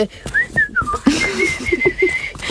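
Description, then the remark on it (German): A person whistles imitation bird calls to make forest ambience: a few rising and falling chirps, then a low cooing warble under a steady high whistled tone, fairly loud, with no talking. “Ich glaube, wir brauchen ein bisschen Waldatmo. Ich mache mal ein paar Vögel.”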